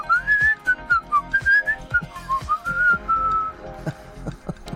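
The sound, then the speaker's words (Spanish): A person whistles a warbling, birdlike melody in quick trills and glides, imitating a canary's song, with no talking. “Te silbaba lindo el oído.”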